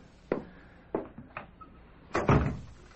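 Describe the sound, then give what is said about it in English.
A door is pushed shut: a few light knocks and latch clicks, then a heavier, low thump as it closes firmly at the end. No one speaks. “Can I come in and shut the door?”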